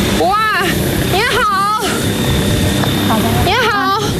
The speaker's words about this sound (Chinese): 正说话间，远处传来阵阵的轰鸣声，在这片静谧的竹海中显得格外特别。我们循声走去，眼前的景象让人惊叹。 哇，这是 村民在运竹子， 运竹子拿无人机运。